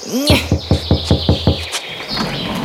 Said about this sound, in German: Wir klopfen jetzt gleich mal.